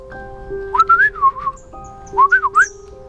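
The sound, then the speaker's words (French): A person whistles in a bird's language, two short, warbling bird-like phrases, each a quick run of rising and falling notes, clear, over a soft steady musical drone. “qui connaissait son langage, se mit alors à siffler.”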